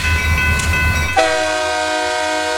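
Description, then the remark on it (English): A Union Pacific freight train rumbles past in the morning with a heavy low roar, then its horn blasts loudly partway through and holds as one long, steady chord until the end. “Trains like this Union Pacific freight passing through earlier this morning are a bit of a concern.”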